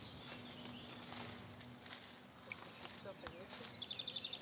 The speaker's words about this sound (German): Hörst du die Vögel? Sie unterhalten sich von der einen zur anderen Seite des Tals miteinander. Das hier ist ein Hotspot für Vogelbeobachter. Wir haben hier gut 200 verschiedene Arten.